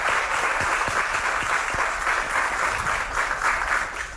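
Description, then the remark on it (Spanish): A crowd applauds steadily for the municipal president at an event in Guasave, a dense wash of many hands clapping at once, fairly loud and continuous throughout with no voices standing out. “Un aplauso, por favor, para la doctora.”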